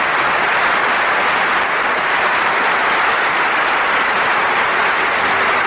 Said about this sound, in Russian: И хотя французское радио и телевидение почти никогда не включают в свои программы эту песню, ее знает вся Франция. И аплодисменты в зале обычно звучат уже перед началом исполнения.